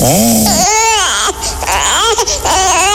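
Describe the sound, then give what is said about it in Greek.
A baby wails loudly and continuously, its cries rising and falling in strained, pitch-bending bursts with only brief catches of breath between them. “Νάνι μωρό μου, νάνι παιδί μου, τι έφτασε. Αχ, πάλι δεν θα κοιμηθώ απόψε.”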